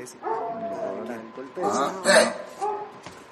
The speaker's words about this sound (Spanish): Despertaste al perro. Vámonos. Despertaste al perro. Al perro asesino.